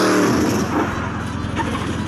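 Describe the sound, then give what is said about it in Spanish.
The engine of a 1981 Camaro, just repaired, runs loud, its low rumble pulsing steadily with a throaty, revving growl that stays strong for the whole couple of seconds. “Le acababa de arreglar el motor.”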